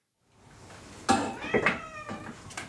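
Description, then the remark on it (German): Several cats meow in quick succession in the full cat house of the animal shelter in Elmshorn, overlapping harmonic cries at moderate loudness over a faint background hum. “Das Katzenhaus im Tierheim Elmshorn ist voll.”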